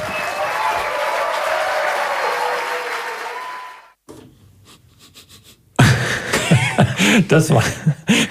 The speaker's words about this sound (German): Das war noch ein kleiner Applaus hinterher.